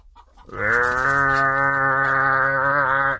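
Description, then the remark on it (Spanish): A cow lets out one long, loud, drawn-out moo that starts after a brief pause and holds steady for nearly three seconds, unaccompanied by any voices. “Y se oía un bramadero de vacas.”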